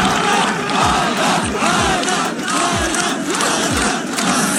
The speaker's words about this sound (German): Zuschauer haben seinen Namen im Chor gerufen.